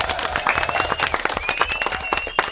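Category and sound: crowd, loud applause from children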